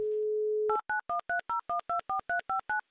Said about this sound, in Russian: И даже сразу гудки пошли в Новосибирск.